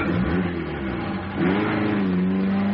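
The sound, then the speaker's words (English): A police car's engine revs up loudly, its pitch climbing and surging as the car pulls away, with a steady mid-range drone throughout and no voices. “Now, meanwhile, inside the house, Burglar 1 could see that all this was going on outside, so he nipped out and he jumped into the now empty police car.”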